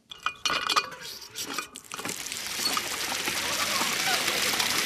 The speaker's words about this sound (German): Eine Wasserpumpe und ein Wasserspiel im Stuttgarter Klingenbachpark machen nicht nur den Kindern beim Spielen Spaß, sondern sorgen auch für eine willkommene Abkühlung.